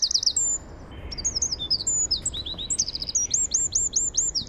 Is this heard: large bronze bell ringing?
no